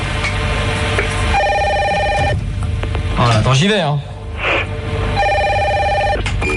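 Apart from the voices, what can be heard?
telephone ringing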